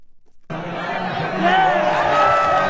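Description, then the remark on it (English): A dense crowd of jubilant soccer fans in Madrid, Spain, cheering and shouting for Spain as it beats Argentina to win the World Cup, starting abruptly after a brief silence and swelling louder, with many overlapping voices and high rising yells. “Jubilant soccer fans in Madrid, Spain, cheering on their team as Spain dominated rival Argentina Sunday to win the World Cup championship in East Rutherford, New Jersey.”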